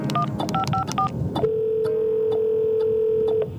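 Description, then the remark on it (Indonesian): A quick series of telephone keypad beeps as the Madiun Siaga 112 emergency number in Madiun is dialed, followed by a steady electronic ringing tone on the line that holds for about two seconds, clear. “Wah, kalau gitu kita harus buruan telepon ini sebelum ada kecelakaan gara-gara pohon tumbang.”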